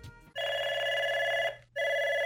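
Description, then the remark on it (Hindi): A telephone rings loudly, two steady electronic ring bursts separated by a short pause, with no one talking: the first caller phoning in to a radio request show, Phone In Aapki Pasand. “तो लेते हैं हम अपने पहले कॉलर को।”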